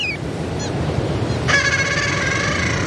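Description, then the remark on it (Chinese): A sea duck father on the sea surface anxiously calls to its chicks with a steady, buzzy, harmonic-rich cry lasting over a second, preceded by a couple of brief high chirps, all over a constant rushing wash of noise. “海面上的牙海鸭爸爸还在焦急地呼唤着雏鸟。雏鸟听见了叫声，也努力回应着。”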